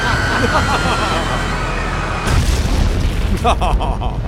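A plane crash explosion as the pilot lets the plane go down: a loud, steady roar with a high engine whine gives way to a deep, rumbling boom that keeps churning and crackling until the end.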